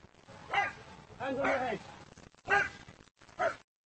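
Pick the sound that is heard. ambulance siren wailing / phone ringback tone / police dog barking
police dog barking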